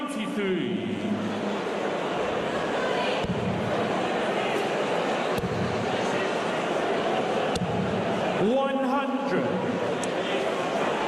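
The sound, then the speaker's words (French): A lively darts crowd cheers and chatters steadily throughout the opening legs of the first match, a dense, loud wall of voices with occasional louder shouts rising out of the din. “Mais on a une foule qui est bien réveillée là déjà, hein, dès le premier match, dès les premières manches.”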